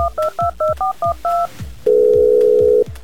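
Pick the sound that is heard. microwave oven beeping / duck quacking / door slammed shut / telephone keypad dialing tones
telephone keypad dialing tones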